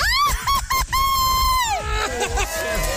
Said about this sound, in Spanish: vamos a darme tu grito bien mexicano. Una, dos, tres.